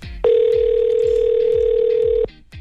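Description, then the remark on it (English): A single two-second ring of an outgoing telephone call placed by a radio host to a listener, a steady electronic ringback tone heard down the line, loud and clear over a soft, thumping background beat. “Let's get to the phone lines.”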